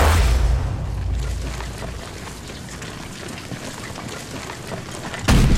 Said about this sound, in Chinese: 别着急，敌人的炮声越来越清晰了，说明咱们离他们的重炮阵地越来越近了。 刚才咱们还能看见鬼子的炮烟，现在只能听到炮响，炮眼也看不见了。